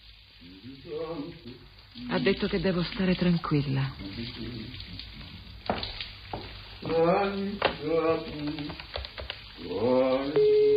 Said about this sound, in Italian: Sono sotto la doccia, lo sento.